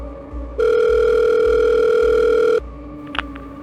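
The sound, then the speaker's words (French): A telephone ringing tone of a call to the police services in Montpellier plays as one long, steady electronic beep of about two seconds over a low background hum, then stops, followed by a brief click. No one speaks. “Les services de police de Montpellier vont recevoir un appel téléphonique d'une jeune femme qui indique qu'elle a reçu des appels désespérés de sa sœur, disant qu'elle avait été enlevée et qu'elle était séquestrée dans le coffre d'une voiture.”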